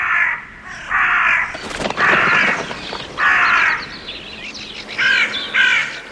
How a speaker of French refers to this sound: Cela fait, il s'est mis à crier vers les quatre vents du ciel. Quoi? Et tandis qu'il crie ainsi, des volées de corbeaux sont arrivées des quatre vents du ciel.